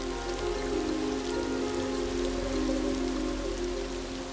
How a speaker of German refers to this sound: Erste Schauer nähern sich der Küste und erreichen das ausgedörrte Land. Die Regengüsse sind nur kurz, aber heftig.